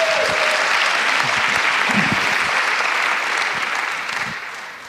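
A room full of people claps steadily, a dense, sustained wash of applause that holds strong for several seconds before beginning to taper off slightly at the end.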